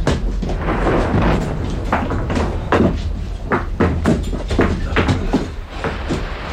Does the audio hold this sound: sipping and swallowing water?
no